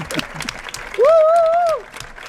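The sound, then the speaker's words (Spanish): A large crowd in a packed town square claps steadily at 1:32 in the morning, celebrating a win over Belgium: a dense wash of applause, with a loud sustained whistle or horn-like tone rising over it midway and then fading back into the clapping. “Insólito también porque es la 1:32 de la madrugada y la plaza está abarrotada. Y porque este aplauso no dedicado a nosotros demuestra que hemos ganado a Bélgica.”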